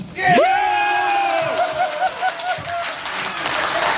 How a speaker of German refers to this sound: Jubel bei den Olympia-Unterstützern aus Schleswig-Holstein, die hier zusammengekommen sind.